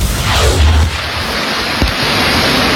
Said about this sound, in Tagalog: Mabilis ang paglaki ng tubig sa Lumintao River sa Kalimtaan, Occidental Mindoro, kasabay ng malakas na buhos ng ulan.